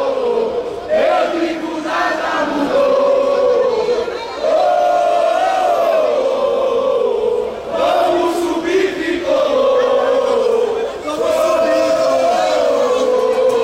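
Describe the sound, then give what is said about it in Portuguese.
A large crowd of Santa Cruz football supporters celebrates while descending a stadium staircase, chanting together loudly and continuously, their voices rising and falling in repeated sung phrases a few seconds long, with no pauses between them. “Festa da torcida do Santa Cruz aqui, Mário, na descida da escadaria, a gente tá bem posicionado por aqui”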